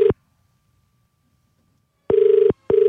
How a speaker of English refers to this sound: We're calling him for the very first time in a long time. His name is Albert. Let's hope he answers the phone.